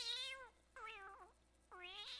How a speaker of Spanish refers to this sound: Oye, gatito, qué bueno que estés por acá.